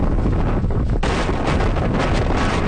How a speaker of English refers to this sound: Wind and rain hitting eastern China. Millions there are in the path of Typhoon Bavi.